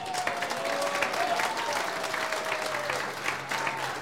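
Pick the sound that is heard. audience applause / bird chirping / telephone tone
audience applause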